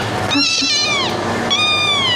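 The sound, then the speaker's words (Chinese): A cat meows twice in quick succession, fairly loud, with long drawn-out cries that rise and fall in pitch, over a faint background hum. “哎，一下子就不叫了。”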